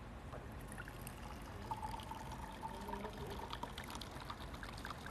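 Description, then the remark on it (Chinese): Baijiu liquor pours steadily from an already-opened bottle into a glass for about five seconds, forming foam as it goes, a continuous bubbly trickle with a faint rising tone as it fills, and no voices. “来，我把它倒出来看一下啊。”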